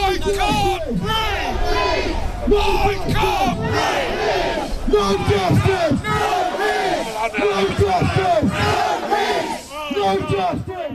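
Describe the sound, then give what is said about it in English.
Protesters chant loudly in unison outside Southampton Central Police Station in the evening, many raised voices repeating short shouted phrases in a steady rhythm that continues without a break for the whole stretch. “Protesters gathered outside Southampton Central Police Station this evening.”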